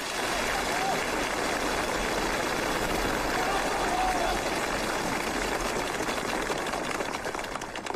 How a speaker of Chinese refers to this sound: 看来这次工作他做得很细致，咱们给他鼓掌。